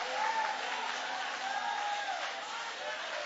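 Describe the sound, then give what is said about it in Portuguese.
A church audience applauds God steadily for several seconds, a dense wash of clapping filling the space, with a few voices calling out faintly underneath. “Aplaude a Deus, aplaude.”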